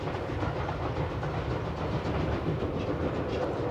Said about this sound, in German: Und bald erscheint unterhalb liegend wieder der Talübergang. An Höhe gewonnen, befährt der Zug den letzten Kunstbau, das Biesenbach-Viadukt.